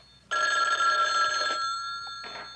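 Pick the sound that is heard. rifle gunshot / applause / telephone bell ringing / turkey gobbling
telephone bell ringing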